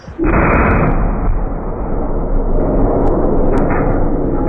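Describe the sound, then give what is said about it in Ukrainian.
A NATO-calibre artillery shell fired by the Ukrainian self-propelled gun Bohdana in the Kherson region explodes with a sudden heavy boom, then a loud, dense low roar and rumble rolls on steadily for several seconds without much fading. No voices. “Спостерігаємо розрив.”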